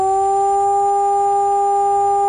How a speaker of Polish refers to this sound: Odwołanie alarmu to zaś dźwięk jednostajny.